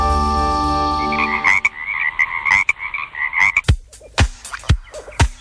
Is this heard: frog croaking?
yes